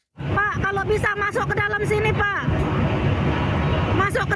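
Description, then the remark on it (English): Loud male voices of a rescue boat crew shout and call out to a jam-packed lifeboat over a steady engine roar, after a ferry carrying more than 100 people between Bali and Lombok, Indonesia, caught fire; several urgent cries in the first half, then mostly motor and water noise with one more brief shout at the end. “Crew on a rescue boat call out to a jam-packed lifeboat.”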